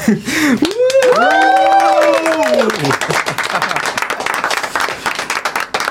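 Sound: applause and cheering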